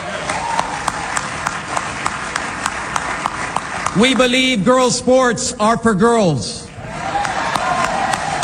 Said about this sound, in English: That got some thunderous applause there.